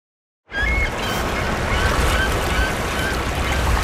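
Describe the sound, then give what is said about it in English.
Harsh, buzzing bird calls, like a game show buzzer, start abruptly and continue steadily over a dense, noisy outdoor background under a poplar on a warm, sunny spring day, fairly loud, with no talking. “And then, oh, these birds. Wow, that's a real game show buzzer.”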